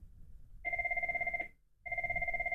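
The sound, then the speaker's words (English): A telephone rings in two bursts during a check of its ringing volume. Each burst is a steady electronic warble with a rapid fluttering pulse, and the bursts are separated by a short pause, over a low background rumble. “Just checking the volume on the phone. Yep, the phone is working.”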